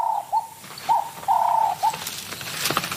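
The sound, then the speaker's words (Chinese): A guineafowl about 30 cm tall and over 2 kg, prey being stalked by a serval, calls in a short series of clear, mid-pitched notes, several brief ones and one longer drawn-out call, with soft rustling noise afterward and no voices. “他听到了什么动静？这是一只猪鸡，30厘米高，超过2公斤重，对叟猫来说是很大的猎物。”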